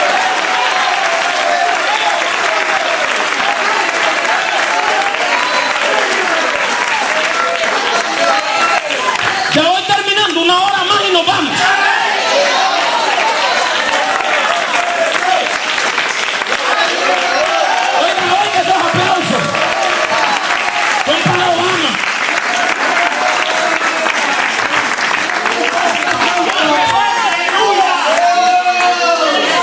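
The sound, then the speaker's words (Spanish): An audience in a church applauds steadily for the whole stretch, a dense, loud wash of clapping with voices calling out over it at times. “Parece que no hay muchos aplausos, ¿verdad?”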